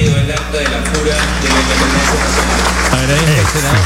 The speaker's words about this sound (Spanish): Aplausos aquí en el hemiciclo. Luego de la lectura del acta de la independencia, en conmemoración, repetimos, a los 205 años de independencia.